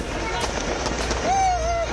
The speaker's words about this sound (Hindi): तो साथ साथ आतिशबाजी कर खुशियों की दिवाली भी मनाई गई। आंदोलन के 24वें दिन प्रदर्शनकारी छात्रों की बड़ी जीत हुई।